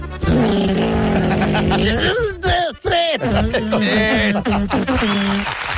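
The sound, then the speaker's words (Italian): A voice imitates a lawnmower engine with a loud, steady buzzing drone that breaks into sputtering, revving bursts of rising and falling pitch, continuing throughout. “Eh sì, va bene, cos'è? Un tagliaerba.”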